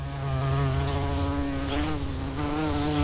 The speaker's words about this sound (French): Ah, ça y est, je l'entends, ton repas. Une petite mouche, ce n'est qu'un amuse-bouche.